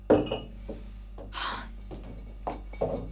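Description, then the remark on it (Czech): Glass bottles clink and knock together as they're handled, a few irregular bright chinks with some softer rustling and shuffling in between. “Přestaň. Polož ty lahve.”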